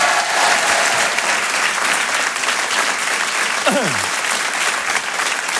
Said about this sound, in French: Rire et chanson Comedy Club. Un tonnerre d'applaudissements, s'il vous plaît, pour Olivier Debenois.